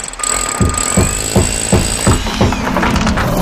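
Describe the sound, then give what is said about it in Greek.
Construction and demolition noise: loud pounding thuds repeating about twice a second, with a thin, high mechanical whine running over them and no voices. “Γκρεμίσματα, χτισήματα και κάθε είδους οικοδομικές εργασίες με επαγγελματική υπογραφή.”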